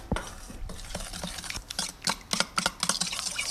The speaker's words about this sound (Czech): Úplně nakonec se perníčky ještě potřebují rumovou polevou. Na tu polevu potřebujeme moučkový cukr, přidáme tuzemák, trochu vody, promícháme.